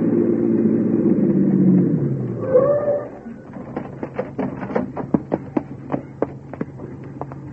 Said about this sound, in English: Right behind that squad car pulling up.